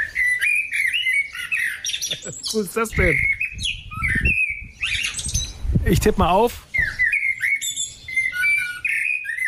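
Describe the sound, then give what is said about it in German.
A blackbird sings on a small terrace in varied, fluting whistled phrases mixed with a few harsh, squawky notes, continuing steadily while a man briefly speaks over the song. “Amsel, liege ich da richtig? Also die Ornithologen in Schleswig-Holstein können sich gerne mal melden. Ich würde auf Amsel tippen.”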